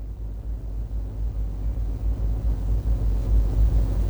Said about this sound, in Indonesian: Dapat kita saksikan bersama situasi arus lalu lintas di simpang 4 Traffic Light Gatot Subroto Dalam terpantau lancar di semua arahnya, baik dari arah Jalan Veteran menuju Jalan Sungai Lulut maupun sebaliknya,